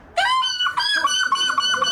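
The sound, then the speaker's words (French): A person imitates a seagull's cry: one long, shrill, rising squawk, then a quick string of repeated yelping calls, loud and alone with no other sounds. It is the winner's cry at the final of the European seagull-cry championship in La Panne, Belgium, near the border, not far from Dunkerque. “Et précisément à La Panne, près de la frontière, non loin de Dunkerque, la finale du championnat d'Europe du cri de. De cochon. Non, de la mouette.”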